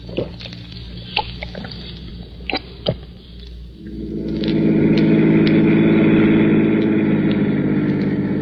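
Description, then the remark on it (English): A car engine rumbles steadily as the car drives through traffic, with a few sharp clicks and knocks early on, then swells louder and holds a dense roar as the car drives on. No one speaks. “No, I'm afraid it's no use, Johnny. We lost him. Lousy traffic.”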